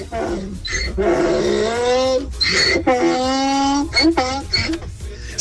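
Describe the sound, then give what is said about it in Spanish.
A donkey brays in loud, harsh, drawn-out calls: two long wavering heaves with rising and falling pitch, followed by a few shorter gasping bursts. “Pobre burro, parece que le están haciendo algo.”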